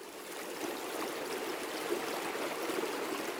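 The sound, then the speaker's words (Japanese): A quiet stream flows steadily with no voices, a soft continuous wash of water with faint trickling detail, even in level from start to finish; the calm water upstream beyond a waterfall. “そしてついに滝を越えたその先、そこに待っていたのは静かな流れ。”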